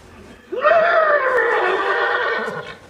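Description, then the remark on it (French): A person imitates a thirsty horse's whinny: one long, loud neigh that rises sharply, then holds with a shaky, wavering pitch for about two seconds before trailing off. “Ça, c'est le cheval qui a soif.”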